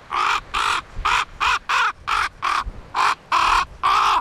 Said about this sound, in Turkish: Benimki kuzgundu.